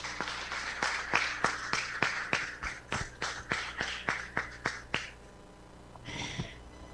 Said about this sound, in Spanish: A cada uno de estos cumpleaños que están aquí en la celebración, démosles un fuerte aplauso.